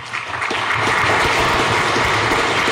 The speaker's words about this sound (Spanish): a quien les pido un especial aplauso porque es la primera vez.